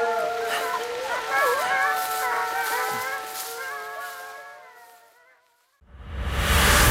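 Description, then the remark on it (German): A pack of wolves howls together at the edge of a forest, several long, wavering voices overlapping in a sustained chorus that gradually fades away, then a sudden loud burst of rushing noise cuts in at the end. “Auch wenn die Menschen mich hassen, so lieben mich doch meine Wölfe.”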